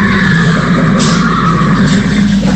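A horse, called Powell's Horse, neighs loudly on Kildare's KFM radio, a drawn-out whinny lasting a couple of seconds over a dense, steady background wash, with no one speaking.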